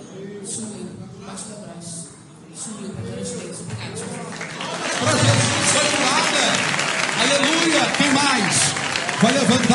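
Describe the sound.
An audience at a church service claps for Jesus in victory applause as members come forward to tell of healings, a dense, sustained wash of applause that swells louder partway through, with voices calling out and talking underneath.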